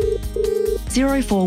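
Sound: telephone ringing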